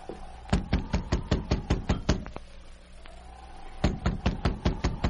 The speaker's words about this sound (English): The sergeant repeated his knock.